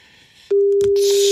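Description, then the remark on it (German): A telephone ringing tone on the line as a phone number is called and the call goes unanswered: after a moment of faint hiss, a single steady, low-pitched electronic tone starts abruptly and holds loudly to the end over a noisy line. No one speaks. “Na, lass mal noch zweimal klingeln.”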